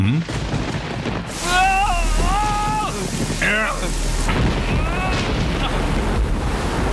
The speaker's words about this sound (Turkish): Bu fırtına sürdükçe, tamam mı? Başlarım fırtınasına.